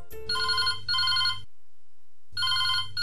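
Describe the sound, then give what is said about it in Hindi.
A telephone rings for an incoming listener call to the radio programme Hello Lokranjan, in two bursts of electronic trilling, separated by a brief silence, then a third ring begins. The ringing is clear and fairly loud, with no one speaking. “अब जुड़े कार्यक्रम हेलो लोकरंजन के अगले फोन से।”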